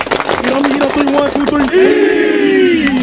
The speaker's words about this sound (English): We're the Kings Mountain High School football team. And we're your high school team of the week. This week, we got North Gadsden High School ready to carry this momentum into conference play. Everybody clap it up.